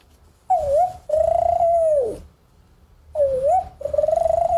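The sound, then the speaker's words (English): A child's voice mimics a spotted dove's call: a short wavering coo followed by a long, steady hoot, repeated twice, fairly loud, with no spoken words. “Spotted dove.”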